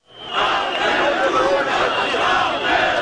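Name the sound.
crowd of protesters chanting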